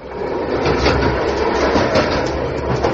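Steady, dense rumble of a train carriage rolling along the rails, with a continuous low drone and faint rhythmic clatter, heard from inside and filling the whole stretch without any voices.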